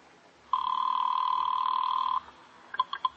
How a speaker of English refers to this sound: Now pick up the receiver. No, wait. I'll do it. Now take the phone. Tell him. It's ringing. Take it.